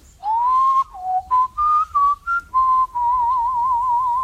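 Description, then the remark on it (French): A person whistles the melody of the nightingale, a birdlike tune imitating its song: a rising opening note, a run of short bright chirps, then a long warbling trill, clear with no talking. “Ça, c'est la mélodie du rossignol.”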